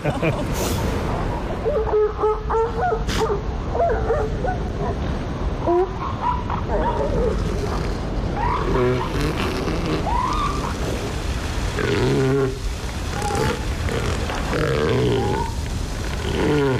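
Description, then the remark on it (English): An adult female elephant seal at Drake's Beach gives soft, warbling calls to get her pup's attention, with a wavering, grunting quality, repeated in a loose series, while surf and wind rumble steadily in the background. “Or this is what we call warbling. And it's just this kind of nice soft call to get her pup's attention.”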